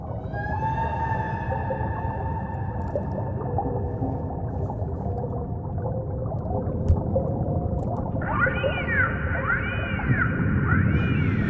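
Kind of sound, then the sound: animal, whale song vocalizations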